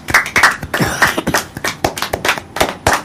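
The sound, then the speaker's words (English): A round of applause from a group, with brisk, uneven clapping that stays fairly loud for about three seconds, sharp individual claps standing out in the crackle, and no voices. “I would like to us to give Anjola a big round of applause.”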